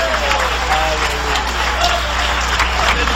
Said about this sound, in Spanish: Cuando creen que el Señor está aquí esta noche, dale un aplauso de poder a Jesús.